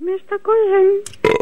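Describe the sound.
A loud, drawn-out croaking burp in a few stuttering bursts, the longest stretching nearly a second, then a short hiss and a sudden louder voice at the end.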